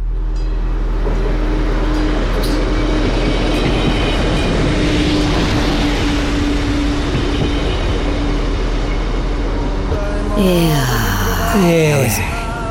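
A train rolls steadily along the rails with a loud, continuous rumble and faint rhythmic clatter, ending with a brief wavering squeal as it slows.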